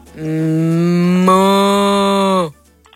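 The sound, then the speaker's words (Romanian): A person imitates a cow with one long, loud, steady moo held for over two seconds before it drops off abruptly, with no other talking. “Și de vacă și de porc.”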